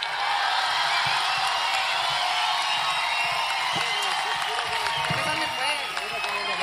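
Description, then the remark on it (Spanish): A crowd at the Fiesta de la Cultura, the 15th Festival del Día Mundial del Folclore presented by Radio Universidad de Chile, applauds and cheers for the gañanes in a contest, a steady, loud wash of clapping that holds for several seconds, with scattered shouts and whoops rising above the noise. “A ver, aplauso por los gañanes.”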